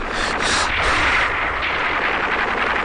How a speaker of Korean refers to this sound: 총소리는 점점 더 자지러지었다.